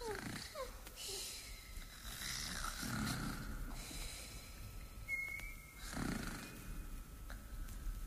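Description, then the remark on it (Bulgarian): Two sleepers snoring together in slow, rhythmic rumbles roughly every three seconds, one adding a thin whistling wheeze on the breath, fairly loud with no talking. “Както хъркаха, изчезнаха и двете.”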